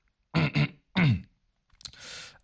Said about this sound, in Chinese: 在摸不准的情况下不敢明确表态，他清了清嗓子，才开始说起来。